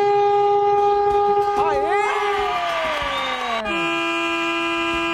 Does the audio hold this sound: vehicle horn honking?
yes